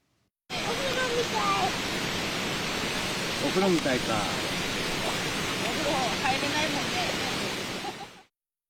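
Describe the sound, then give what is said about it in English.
A steady, loud rush of flowing water from a river in Yatsushiro City fills the scene from start to finish, with faint voices murmuring beneath the constant wash. “This family still doesn't have water at home, so on Wednesday, they came to a river in Yatsushiro City.”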